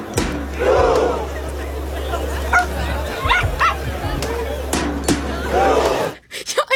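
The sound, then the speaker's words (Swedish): A small dog yaps and barks repeatedly over the steady roar of a large crowd of thousands on Karl Johan in Oslo, Norway, during a world-record attempt at simultaneous rowing, with sharp barks punctuating the continuous noise and a low rumble underneath. “Man mest har en gläfsande hund.”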